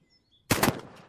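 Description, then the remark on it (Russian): After a brief silence, a loud gunshot cracks out suddenly, its sharp blast breaking into a short rattling echo that fades quickly. The shot is fired at a window, the bullet lodging in the window frame. No voices are heard. “Грохот выстрела заставил всех в комнате вздрогнуть.”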